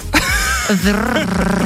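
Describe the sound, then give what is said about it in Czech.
A voice imitates a tractor engine with a short, rough, rumbling drone that sputters and wavers in pitch, fairly loud, lasting under two seconds. “udělej traktor.”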